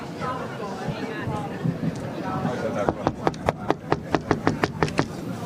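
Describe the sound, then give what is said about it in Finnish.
A quick run of about a dozen loud knocks rapping on a heavy red wooden door, the door of the judges, following a few seconds of murmuring background chatter that continues faintly beneath the knocking. “koputa siihen, koska mie en uskalla.”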